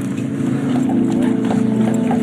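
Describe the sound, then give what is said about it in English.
Horses clip-clop along at a steady walking pace on Mackinac Island, their hooves knocking in a quick, uneven rhythm over a constant low hum, with faint voices in the background. “There's horses.”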